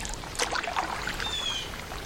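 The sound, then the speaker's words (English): Paddle strokes of a small craft dip and splash through calm water in a sharp, cold wind, with a soft gurgle and trickle between strokes and a faint, thin bird whistle drifting in partway through. “Where she is, the wind blows, a sharp, cold breath requiring both strength and attention to navigate the small craft, to keep it moving in one direction.”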